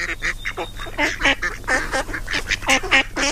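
Several ducks quack in rapid, overlapping bursts, a loud and continuous nasal chatter with no pauses and no voices over it.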